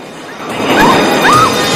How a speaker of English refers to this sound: A fuel canister in the back of the truck explodes.